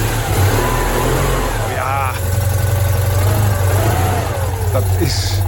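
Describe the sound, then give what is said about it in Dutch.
A small, rattly Citroën 2CV car engine runs, its low throbbing rumble holding steady and briefly revving higher for the whole five seconds. “Ja, en Deux Chevaux, ook wel bekend als de Eend.”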